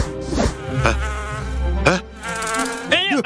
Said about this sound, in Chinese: 哪来的蜜蜂？